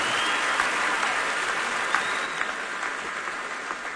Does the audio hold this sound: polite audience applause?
yes